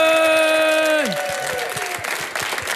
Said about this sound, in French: Merci d'être avec nous au Centre Culturel de Durbuy. Notre invité aujourd'hui est Zidani. Je vous demande de l'applaudir car il va nous faire un sketch en live.